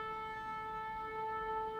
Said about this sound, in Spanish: Escucha el shofar. El shofar que tiene una fuerza para el pueblo de Israel, que tiene una fuerza para los cristianos. Es el grito de victoria.